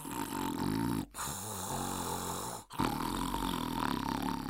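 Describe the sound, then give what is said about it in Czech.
Loud snoring: three long, rasping snores with only brief breaths between them, rough and rumbling throughout, with no talking, voicing the wolf of Little Red Riding Hood stretched out on the bed after eating her. “Potom se natáhl na postel a za chvíli chrápal, až se hory zelenaly.”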